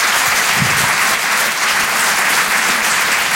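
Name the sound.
audience applause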